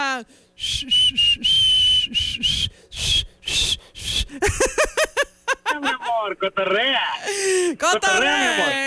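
A person whistles loudly, starting with steady held notes, then breaking into quick, sliding, warbling pitches. Faint chuckling may sit underneath.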